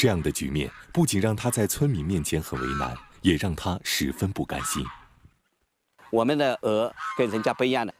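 A flock of free-range, grass-fed white geese in Qishu Village, Pingshan County, Sichuan, China, honks loudly, a dense overlapping chorus of nasal calls that breaks off briefly near the middle, then resumes just as busily.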